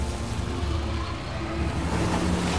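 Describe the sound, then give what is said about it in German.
A freshly washed car's engine rumbles steadily while water sloshes and splashes around the wheels, a continuous churning as the car pushes through a muddy puddle. No one speaks. “Unser frisch gewaschenes Auto. Achtung, einmal durch die Schlammpfütze.”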